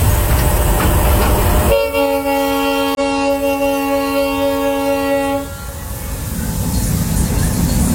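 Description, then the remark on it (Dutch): A packed passenger train in Cuba, running between Havana and Santiago de Cuba, rumbles along the rails while a loud, sustained horn blares for several seconds, then cuts off, leaving the steady rolling noise of the train. “De trein zit afgeladen vol.”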